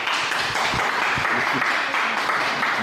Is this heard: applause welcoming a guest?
yes